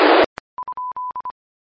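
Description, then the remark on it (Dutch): An electronic beep built into a radio set, played to hear it: after a brief hiss of static, a quick run of short, steady mid-pitched beeps, a couple held slightly longer, forms a very short rhythmic tune with no voices. “Maar even wachten, ga ik even luisteren hoe het rotje piepje is wat erin zit.”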